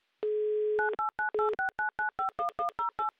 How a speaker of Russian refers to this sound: Вот так вот мы набираем быстро номер телефона, и уже в моих руках песочные часы.